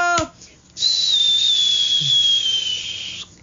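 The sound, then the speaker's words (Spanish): A single long, shrill whistle blast from a worn-out party blower, used up after a party, holding a steady high pitch that sags slightly as it goes on, loud before cutting off. “El silbador. Ya muy gastado porque pues ya pasó la fiesta, ya está muy...”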